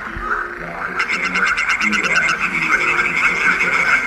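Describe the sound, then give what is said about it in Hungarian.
Rapid, rhythmic pulsed croaking from edible frogs, played at a frog-call display with information boards, a loud rattling burst of about a dozen beats, set against a steady background chorus of other frogs. “Megnézzük a kecskebékát.”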